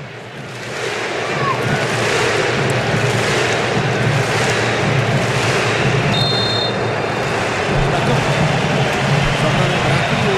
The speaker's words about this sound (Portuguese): esse frisson ao fundo aí, ó, é da torcida do Marrocos, vamos ouvir um pouquinho.